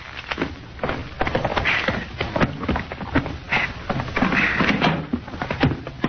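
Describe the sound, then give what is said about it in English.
Irregular metallic clicks and rattles as a key works a lock, followed by the clunk and creak of a door being pulled open, with a faint background hum. “All right, go ahead and open the door, Sawed Off.”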